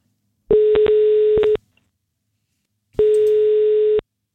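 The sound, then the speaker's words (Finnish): Two steady ringback tones of about one second each, separated by a short pause, sounding clearly as Radio 957 phones a contest winner. A few faint clicks mark the first tone, and no one speaks. “Nyt on aika soittaa yhdelle kisavoittajalle.”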